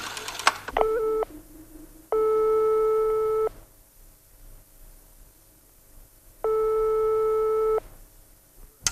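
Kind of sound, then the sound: signal or alarm, telephone line tone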